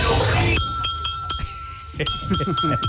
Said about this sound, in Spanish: Din, din, din, no olviden la campana.